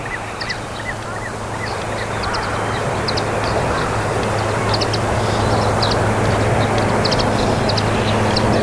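Three mute swans fly low over the water surface, their wings making a steady, rhythmic series of faint, high, whistling throbs above a constant background of wind and waves washing against the shore.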